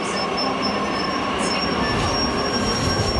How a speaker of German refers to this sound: Es standen viele Menschen an den Gleisen und auch der Zug nach Berlin war voller als voll.